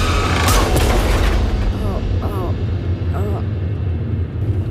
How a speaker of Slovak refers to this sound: Ala na poslednú chvíľu strane volant na bok. A narazí do zvodidiel.